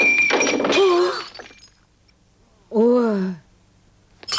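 A ceramic plate breaks with a sharp, bright crash that quickly rings out, overlapped by a startled vocal exclamation, followed a moment later by another drawn-out voiced sigh.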